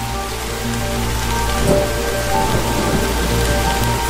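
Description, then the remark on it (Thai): Heavy rain pours down steadily in a forest, a dense, continuous hiss of drops on leaves and ground with faint low tones humming underneath; no voices. “แต่บางตัวก็ต้องนั่งตากฝน”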